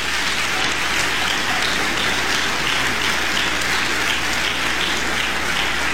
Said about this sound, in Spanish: A ver, dele un aplauso al Señor